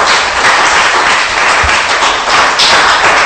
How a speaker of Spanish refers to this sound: Ojo, dele palmas, pues, y le va a dar palmas al Rey.